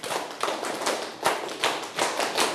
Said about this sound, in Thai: ทั้งหมดปรบมือ10ครั้ง